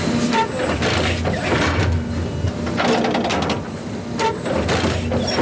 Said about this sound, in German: Alle paar Sekunden fährt das Müllauto-große Gerät ein ganz klein bisschen weiter und sticht mit einer Reihe Nadeln in den Rasen vom Europaparkstadion.